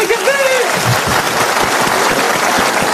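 A crowd at a show applauds loudly and steadily, clapping in imitation of sea lions, dense clapping filling the whole stretch, with a brief high whoop or whistle rising above it at the very start.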